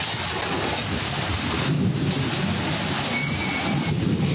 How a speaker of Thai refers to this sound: ได้ยินเสียงลมได้ฝนแล้วมีฟ้าแลบด้วยนะครับ อันนี้อันตรายจริงๆนะนี่เป็นพื้นที่ยะลาแบบฝนตกแบบไม่ลืมหูลืมตาเลยนะครับ